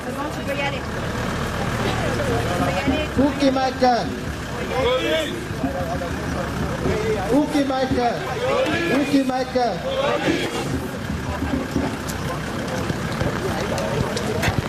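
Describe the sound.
A truck reverses slowly through a crowd, its low engine drone half-buried under the steady, dense chatter and shouting of a large crowd of voices all around.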